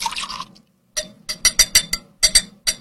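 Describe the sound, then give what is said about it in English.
Bourbon is poured over a single ice cube in a rocks glass: a short splashing pour, then a pause and a quick series of crisp clinks and drips as the liquid settles around the ice. “I am putting it on one cube in my rocks glass.”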